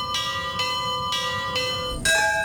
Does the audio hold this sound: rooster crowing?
no